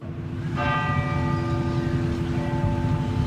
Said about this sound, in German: Nach dem Gottesdienst läuten in ganz Norwegen eine Stunde lang die Kirchenglocken.